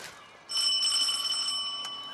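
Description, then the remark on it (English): A single bright doorbell at the Merriman's cottage rings out. Its clear metallic tone sustains after a sharp strike and slowly fades. No voices are present. “Orchard rings the bell at the Merriman's cottage.”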